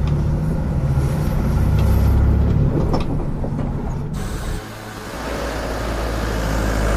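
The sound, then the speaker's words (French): A bus rumbles along from the inside, heading back from Donnant beach to the town of Le Palais on an island, a steady low engine drone with rattling and creaking of the vehicle, shifting in tone midway as it keeps driving. No one speaks. “Après avoir profité de cette belle plage de Donan, nous reprenons le bus pour revenir au palais où nous allons descendre à la porte de Bangor.”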